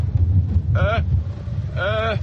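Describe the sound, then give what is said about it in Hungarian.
Wind blows in a steady low rumble that buffets the microphone, with two brief, wavering high-pitched tones rising above it. “Jól van, megpróbálok visszafordulni, csak kicsit elkezdett fújdogálni a szél.”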